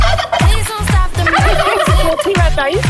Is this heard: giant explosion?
no